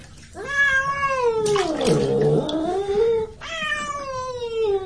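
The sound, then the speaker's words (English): A cat yowls in long, drawn-out wails with rising and falling pitch while being bathed in water, two loud protesting cries with faint background noise between them and no speech. “Well, the cats don't like to be washed. They scratch, you know, and they bite if they have a chance.”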